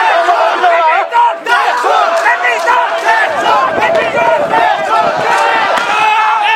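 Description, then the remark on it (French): A large protest crowd, advancing with arms raised toward the Parliament around noon on a first day of demonstrations, shouts and chants demanding the Prime Minister's resignation: a dense, loud wall of overlapping voices with rising and falling cries, sustained without pause. “Lors de cette première journée de manifestation, aux environs de midi et alors que tout est très calme, la foule avance les bras levés vers le Parlement tout en réclamant la démission du Premier ministre.”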